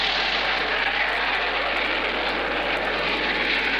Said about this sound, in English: Let's see, we christened and formally opened the new Hopkins County Airport, and that was quite an occasion. And did you hear the jets when they came over? If not, well, we heard them and got them on tape.